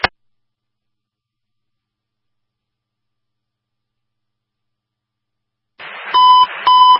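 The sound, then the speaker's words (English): Two loud electronic beeps from a fire dispatch preliminary alert tone, signaling a call to investigate an activated commercial fire alarm on Reed Street, each a steady high pitch, sounding back to back after several seconds of silence. No one speaks. “Preliminary signal to investigate an activated commercial fire alarm at number 3 Reed Street between Forrest and Bradley.”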